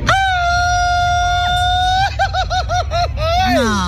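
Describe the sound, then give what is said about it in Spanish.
A single loud, sustained high-pitched traditional Mexican grito yell in a grito contest, held steady, then broken into a rapid string of warbling yips before sliding down at the end, lasting about 4.5 seconds, over low background rumble. “Grito battle, escuchemos. Un grito mexicano,”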